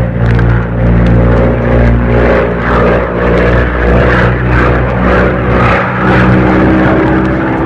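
A small propeller plane descends sharply toward a crash over swamps, its fuselage brushing the treetops; the engine roars loud, a continuous droning whine with a rhythmic pulsing throb running through it, no voices.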